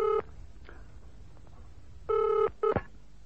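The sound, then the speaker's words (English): A telephone being dialed: a few short, buzzy electronic tone bursts, one at the start and two close together near the end, loud, with no voices. “Let me use the phone.”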